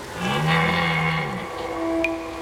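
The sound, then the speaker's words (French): A red deer stag bellows once during the rut, a deep, hoarse, drawn-out roar lasting over a second, then fading into a quiet background with a faint high chirp. “Pendant la saison des amours, les brames du cerf retentissent dans toute la forêt. C'est un cri très particulier, un son rauque.”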